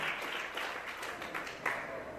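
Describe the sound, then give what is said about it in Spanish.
An audience applauds the Lord steadily, a dense wash of many hands clapping at once with a few sharper claps standing out, sustained at an even level throughout. “Dale fuerte aplauso al Señor en esta hora.”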